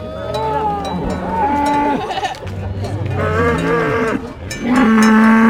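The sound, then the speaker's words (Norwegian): Several cows moo loudly and continuously as they are driven down a valley to fresh pasture with about 50 lower secondary school pupils, their long low calls overlapping and sliding in pitch, while cowbells clank and jingle throughout the herd. “Det var entusiastiske kyr som gledde seg til å komme til freskt beite, og tidligvis så visste kyra selv vegen ned dalen, med 50 anpustende ungdomsskoleelever på slep.”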